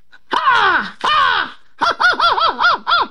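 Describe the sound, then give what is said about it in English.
A voice imitates an American crow's caw: two long, loud, hoarse downward caws, then a quick run of five shorter arched caws, with no other talking. “An American crow.”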